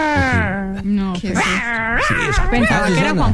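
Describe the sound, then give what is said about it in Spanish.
A person imitates a cat with loud, whiny, wavering yowls, the pitch sliding up and down in a continuous string of strained, yelping cries, like a pinscher. “es el sonido de gato”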